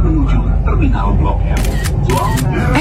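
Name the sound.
camera shutter click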